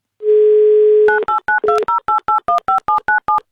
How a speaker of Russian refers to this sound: Давайте узнаем у него лично, наберем его номер.